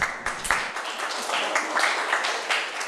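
A group of children in a classroom applauds a classmate's answer, a dense, steady patter of many hands clapping at once that holds at an even moderate loudness for about three seconds, with no one speaking.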